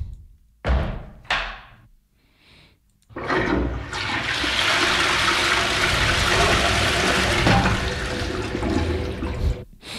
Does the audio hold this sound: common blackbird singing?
no